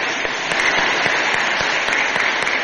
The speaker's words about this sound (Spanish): ¿Dónde está? Aquí está, ponte de pie. Qué guapa que está, le damos un aplauso.